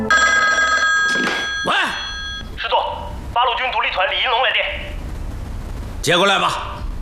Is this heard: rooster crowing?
no